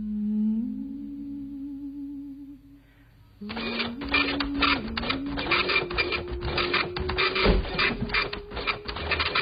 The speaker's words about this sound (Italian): Aspetta che spengo la stampante.